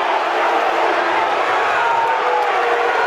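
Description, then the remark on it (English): A loud crowd in a packed baseball stadium cheers and roars continuously, a dense wall of many voices that holds steady at full volume throughout, with no single voice standing out. “He can't hear. He still can't hear. So 10 seconds. Well, that's a tip of the cap to the crowd.”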